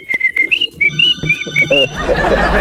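A person whistles a short, bouncy song melody, hitting a quick run of clear, separate notes before the melody gives way to a burst of broad, noisy sound at the end.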